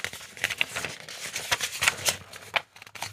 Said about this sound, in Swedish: Då bläddrar jag fram ungdomsfrågan på 26an. Nu blir det lite prassel här i pärmen.